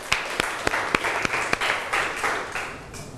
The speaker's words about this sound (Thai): ขอเสียงปรบมือให้ตัวเองอีกครั้งหนึ่งครับ